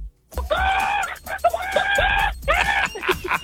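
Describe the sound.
A person on a radio show imitates a chicken to lead into traffic and ads, with a run of loud squawking clucks in uneven bursts, the voice rising and falling in strained, nasal cackles over a low background rumble.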